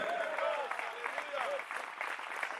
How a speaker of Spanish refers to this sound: ¿Cuántos alaban al Señor en esta hora? Dele fuerte ese aplauso si es para el Señor, a su nombre.